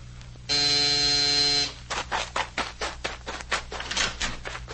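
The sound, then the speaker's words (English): A harsh electric buzzer doorbell sounds once in a steady, loud drone lasting just over a second, followed by a quick, uneven series of sharp thuds. “Who rang this doorbell?”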